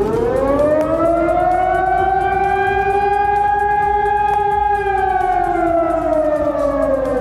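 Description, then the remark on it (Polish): A new electronic civil defense alarm siren wails continuously, its tone rising and slowly falling across the whole stretch, loud and sustained with rich harmonics and no voices. “Mieszkańcy usłyszeli też po raz kolejny nowe elektroniczne syreny alarmowe.”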